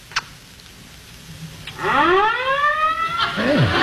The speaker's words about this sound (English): Hey, I wonder where the fire is. Huh? What? It sounds like they're very close in our street. Can't you hear them? Hear what? The fire engines.